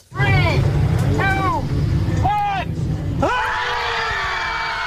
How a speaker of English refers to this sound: So it started as a little bit of a ritual. A couple of people would go down and they'd just let it all out and they'd just scream into the abyss kind of thing.